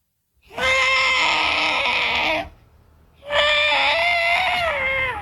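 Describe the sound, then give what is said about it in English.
A voice imitates an elephant with its foot trapped in a hole, calling out for help, with two long, loud, strained trumpeting cries separated by a short pause. The second cry wavers in pitch toward its end. “What about an elephant that gets his foot trapped in a hole and he's calling out for help?”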